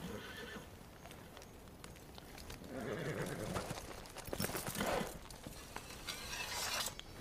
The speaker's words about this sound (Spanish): Miran a los caballos atados mientras se mueven.